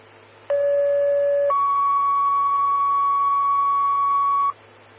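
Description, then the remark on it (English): A two-tone fire dispatch page alerting Oak Creek Fire to a sick person call: a steady lower electronic tone for about a second, then a higher sustained tone for three seconds, loud and clear over a faint radio hum. “stand by for tones on a sick person.”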